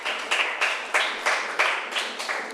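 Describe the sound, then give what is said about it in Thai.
A group of students in a classroom claps for a classmate's answer at the teacher's request, in a steady, rhythmic pattern, about eight even bursts of applause over a couple of seconds, moderately loud with no talking. “โอเคปรบมือให้เพื่อนหน่อยค่ะ”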